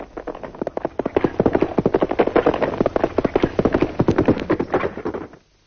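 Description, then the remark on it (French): Rapid, dense hoofbeats of the fastest saddled horses galloping in pursuit of a stagecoach, a continuous drumming rhythm that fades out abruptly at the end, with no voices. “fait seller les chevaux les plus rapides pour partir à la poursuite de la diligence.”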